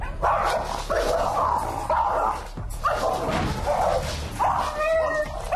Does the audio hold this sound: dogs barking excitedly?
yes